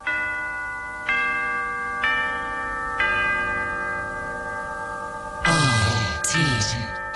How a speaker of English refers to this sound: Did you hear the big clock strike 3 o'clock. There it is.